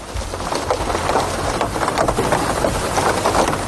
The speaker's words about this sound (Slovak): Mária z Detvy píše, pre mňa jednoznačne dážď, ale taký poriadny, keď som doma pod dekou a nikam nemusím ísť. Takýto?